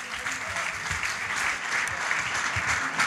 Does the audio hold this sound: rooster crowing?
no